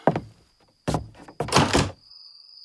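A door is opened at night: a couple of clunks from the latch, then a longer scraping swing, leaving a thin, steady high-pitched hum of crickets chirping outside.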